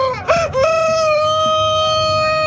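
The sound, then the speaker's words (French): A rooster crows loudly: a short rising burst that settles into one long, steady, strained note held until the end. No one speaks. “La première personne qui nous fait un joli cri du coq, comme ceci.”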